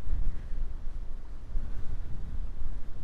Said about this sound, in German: Jetzt ist sehr windig, aber so schön.